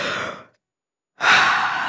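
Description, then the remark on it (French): A person gives a big, breathy yawn: a loud airy drawn-in breath, a brief pause, then a long, full exhale trailing off slowly, with no talking. “Il bâille à s'en décrocher la mâchoire.”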